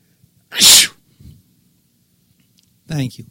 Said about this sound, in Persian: اگه من عطسه کنم همه باید بگن عافیت باشه، عافیت باشه.